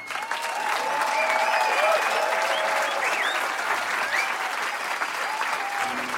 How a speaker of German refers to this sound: Einen warmen Applaus für